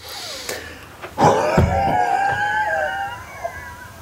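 A pensioner takes a sharp intake, then blows out as hard as he can in a lung test in the morning in Åbybro on lung day: a forceful, breathy blast of air pushed out hard, trailing into a strained, wavering voiced whine that holds for a couple of seconds before fading.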